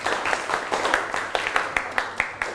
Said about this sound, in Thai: ตรงเก่งมากค่ะปรบมือให้เพื่อนกลุ่มนี้หน่อย